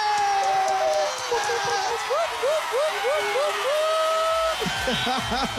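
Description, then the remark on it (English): A group in the 947 radio studio cheers loudly and continuously for a listener winning 5,000 rands courtesy of McDonald's and 947, with rising whoops and high-pitched shouts over a steady wash of voices for about five seconds. “Just because we're excited, we're going to cheer one more time.”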